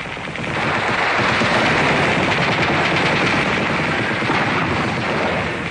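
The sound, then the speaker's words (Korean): Dense, continuous gunfire rattles without pause, a loud rapid barrage of machine guns firing from dozens of Nationalist (Kuomintang) air force planes flying at treetop height, bombing and strafing, with a deep rumbling roar of aircraft and explosions underneath. No voices. “비행기는 나무 끝을 설칠듯이 득이 양양하게 날면서 폭격과 사격을 퍼부었다.”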